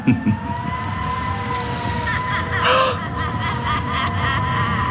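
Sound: wind howling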